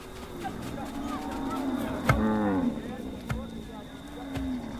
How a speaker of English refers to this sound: The cattle spend the nights in the camp.